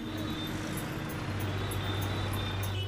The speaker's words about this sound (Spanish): Siempre hay mucho tránsito en Hanoi.